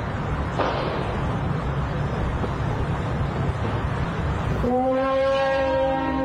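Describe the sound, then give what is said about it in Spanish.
In a video shared on social media, a loud, continuous thunder-like rumble roars throughout with no distinct pauses, and near the end a deep, droning horn-like tone with layered harmonics rises over it. “Va sumado de estruendos, de sonido, como de truenos.”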